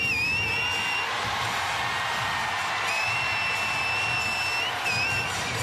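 Loud, sustained applause and cheering from a huge crowd at Melbourne's Docklands Stadium as Prime Ministers Anthony Albanese and Narendra Modi enter, a dense unbroken roar with long, steady high-pitched whistles sounding over it at intervals.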